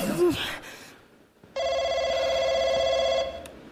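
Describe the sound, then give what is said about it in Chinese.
A telephone rings loudly and steadily for nearly two seconds with a bright, buzzing electronic trill, following a brief burst of voices and noise at the start. “接电话是不是？接”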